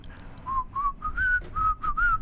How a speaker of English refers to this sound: I do know what it is, but to be fair, I've been in the studio with him, so he told me what he was whistling.